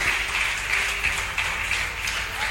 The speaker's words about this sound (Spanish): Dele ese aplauso a Jesús, hermano.